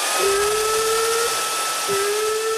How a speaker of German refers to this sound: Habt ihr einen Föhn? Haben wir.